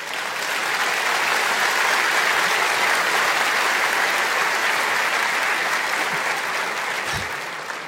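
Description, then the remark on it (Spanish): An audience applauds steadily for several seconds, a dense, even wash of many hands clapping at constant loudness, with no voices rising above it. “Si va a aplaudir, aplauda.”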